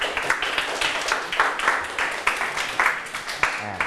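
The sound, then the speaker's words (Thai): Students in a class clapping their hands to applaud themselves, a dense, steady patter of many overlapping claps with sharp bright peaks, sustained for several seconds without any voices. “ยกมือทุกคนเลยนะครับเก่งมากปรบมือให้ตนเอง”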